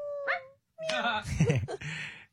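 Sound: puppy whimpering and yipping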